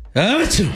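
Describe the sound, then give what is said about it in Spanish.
A single loud sneeze imitated by a human voice, bursting in abruptly after a brief silence with a strained, voiced 'ah' sliding into a sharp, hissy 'choo'. “El vampiro sintió el picazón tremenda y estornudó con todo el poder de la noche.”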